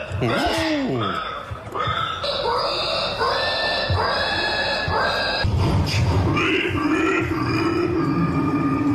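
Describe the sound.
A person imitates a pig in an animal imitation contest, with loud, nonstop grunts, snorts and squealing oinks running together for several seconds, and no ordinary speech.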